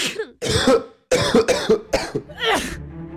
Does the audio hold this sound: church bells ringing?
no